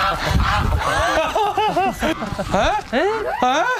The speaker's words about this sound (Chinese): 这乌鸡吗？这是啊，这鹅占了乌鸡的窝了呀。你给人家乌鸡赶出来了，咱到底是抓鹅还是抓鸡啊？